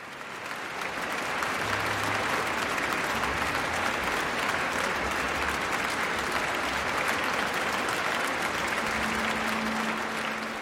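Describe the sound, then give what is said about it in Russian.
The audience of the Tchaikovsky Concert Hall applauds Mikhail Pletnev and the Russian National Orchestra after Rachmaninoff's Third Symphony in A minor, on 19 December 2009: a dense, steady roar of clapping that stays loud and unbroken throughout, with no speech over it. “Заслуженные овации публики, концертного зала имени Чайковского, маэстро Плетневу и музыкантам РНО.”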